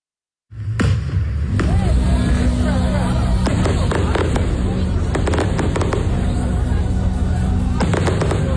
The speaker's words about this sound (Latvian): Ar cilvēkiem patīkamu uguņošanu, daudzu populāru mūziķu grupu uzstāšanos un citiem dārgiem pasākumiem, no pat vairāku dienu garumā aizvadīti ir Rēzeknes pilsētas svētki.